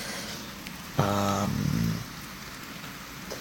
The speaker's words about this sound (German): Und ihr hört heute Atmos vom Regengeräuschen.